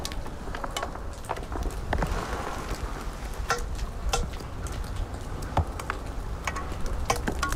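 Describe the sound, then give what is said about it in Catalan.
Scattered sharp clicks, ticks and cracks pop irregularly over a steady low rumble, as snow turns to ice in Guadalaviar in 2017, the day after a snowfall, with temperatures still dropping; the snow and ice creak, crackle and settle as they freeze and thaw, with no voices. “No neva més, però sí que la neu s'anà convertint en gel i crea nous sorolls únics.”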